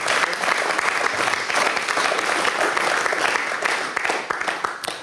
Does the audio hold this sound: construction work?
no